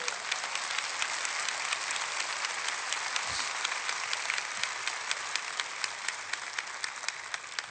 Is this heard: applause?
yes